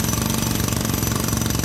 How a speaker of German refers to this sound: Das ist ein Presslufthammer.